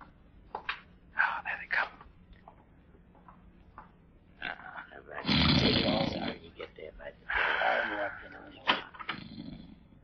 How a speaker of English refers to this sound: Asleep, all right. I can hear him snoring. Well, with the slug I put in his beer, he'd have to be either sleeping or dead.